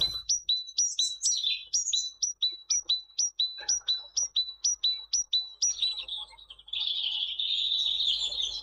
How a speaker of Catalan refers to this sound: Mallerenga carbonera. Parus major. Ocell que habita als boscos totes les estacions de l'any.